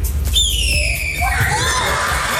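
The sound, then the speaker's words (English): A boy at school in Oklahoma imitates a red-tailed hawk with a long, shrill, downward-sliding screech, then a second raspy cry, over a steady murmur of crowd noise from the students around him. “The red-tailed hawk sound. And this is what it sounds like.”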